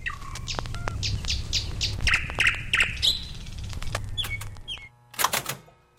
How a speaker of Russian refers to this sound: Ну вот, к моей радости, к большой, соловьи прилетели на второй год. И на второй, и на третий год. И вот весной к нам приходят со всех концов Москвы, приезжают сюда, в Кузьминский парк, чтобы послушать этих соловьев.